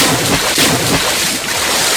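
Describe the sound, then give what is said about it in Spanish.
Continuous, loud splashing and sloshing water in a studio fills the two seconds, a dense rushing wash with rough bursts of spray and no voices. “Oye, estás mojando el estudio.”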